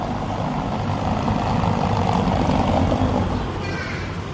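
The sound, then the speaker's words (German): A car rolls over cobblestones on a small country road near Hopfgarten, between Weimar and Erfurt, its tires and engine making a dense, rough, rumbling roar that stays loud and fairly steady, then suddenly becomes quieter, with no other sounds on top. “Hören Sie mal genau hin, wenn dieses Auto über das Kopfsteinpflaster rollt und wie es ganz plötzlich leiser wird.”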